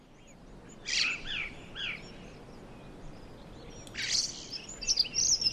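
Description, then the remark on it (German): Recorded birdsong is played as a background bed, alone against a steady hiss, with bright chirping phrases around the first two seconds, a pause, then a busier burst of trills and tweets toward the end. “Mal nochmal die Vögel an, vielleicht geht es dann besser.”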